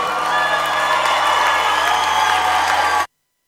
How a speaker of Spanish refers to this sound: Denle más fuerte ese aplauso.